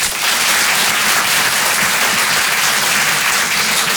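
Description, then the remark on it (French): Steady, dense applause from an audience, a continuous bright crackle of many hands clapping at once with no pauses, fairly loud throughout and no voices standing out. “J'aime bien ce moment-là parce que je regarde tous ceux qui applaudissent pas qui disent « Putain, ils sont nombreux les autres, hein ?»”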